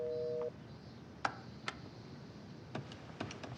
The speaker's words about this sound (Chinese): 哎，这个电话有长途功能吧？怎么一直拨不通啊？ 这点是山区，说不定哪段电话线又断线了。